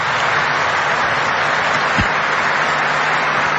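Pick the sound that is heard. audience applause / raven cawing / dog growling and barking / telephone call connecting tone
audience applause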